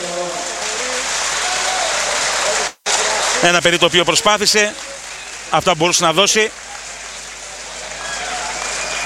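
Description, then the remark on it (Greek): A stadium crowd at a football match applauds Giannis Gianniotas as he is substituted, in a steady, dense wash of clapping that fills the whole stretch, while a commentator speaks over it in short bursts. “Πέντο χειροκρότημα κατά από τον κόσμο.”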